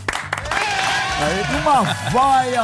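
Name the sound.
audience applause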